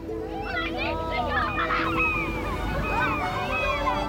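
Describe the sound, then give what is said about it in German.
Seagulls circling over a beach, where children play in shallow water, call again and again. Their harsh, rising-and-falling cries overlap at moderate loudness over a steady background hiss. “Am Strand spielen ein paar Kinder im flachen Wasser, über ihnen kreisen Möwen.”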